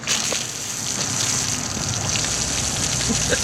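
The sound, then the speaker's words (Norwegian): A steady, forceful fizzing gush of cola spraying from a bottle after a tube of Mentos is dropped in, a continuous hiss with scattered spattering droplets that holds at an even loudness for several seconds, with no voices. “Sekunde mentos navner I colaen, så spruter det ut av flasken, og spruten den kan stå flere meter.”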